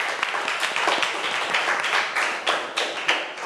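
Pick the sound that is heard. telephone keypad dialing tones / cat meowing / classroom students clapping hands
classroom students clapping hands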